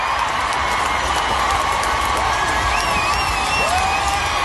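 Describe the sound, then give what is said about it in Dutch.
A large concert crowd applauds for at least a minute as the singer lies coughing on stage after choking on water, with scattered cheers and whoops rising above the dense, steady, loud clapping throughout. “Dit applaus duurde minstens een minuut.”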